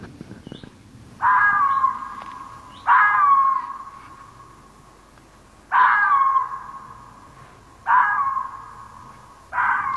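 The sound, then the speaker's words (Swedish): A female red fox gives five loud, harsh barks at irregular intervals, each a drawn-out, raspy call that trails off, with no talking. “Det här är en hona som skäller.”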